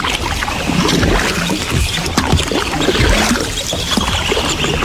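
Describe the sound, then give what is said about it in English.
A canoe paddle dips and pulls through water, making repeated splashing strokes over a steady, loud sloshing and gurgling wash, with no voices. “But we are thinking that if you are on the Red or on the Assiniboine with a canoe.”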